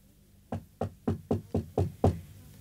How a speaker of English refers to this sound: I was wakened by a soft, insistent knocking on the door.